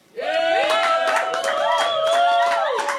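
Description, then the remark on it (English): An audience applauds the panellists, a dense patter of claps mixed with sustained cheering voices, starting abruptly and staying loud for about three seconds. “So please give them a big round of applause today.”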